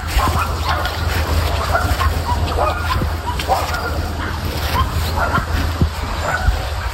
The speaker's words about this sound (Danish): Det lyder som sådan en ret konstant støj af hundeglammen. Altså, kan du godt forstå, at naboerne tænker, det er simpelthen for meget?